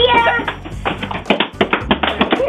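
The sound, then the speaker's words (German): A quick series of sharp knocks against a wall, about eight raps in an uneven rhythm, fairly loud, with a voice briefly audible at the start. “Eure Wochenend-Frühaufsteheraufgabe heute ist gegen eine Wand klopfen.”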